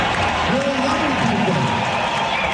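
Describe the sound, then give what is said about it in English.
A large arena crowd boos during a performance at a contest. The steady, dense noise carries low, drawn-out voices that rise and fall through it, continuing at a constant loud level throughout. “The audience during this moment, they were booing.”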